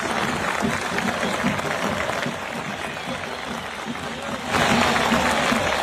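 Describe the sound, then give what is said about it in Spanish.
A large stadium crowd at the Atanasio in Medellín applauds Chapecoense in a steady, dense wash of clapping and murmur, swelling louder for the last second or so as cheering rises. “Bueno, este último videito antes de la despedida, cómo la gente de ayer en el Atanasio aplaudió al Chapecoense con el que juega mañana partido amistoso internacional.”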